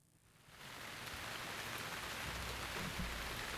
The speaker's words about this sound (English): It sounds like rain out there. We always love rain here in the desert.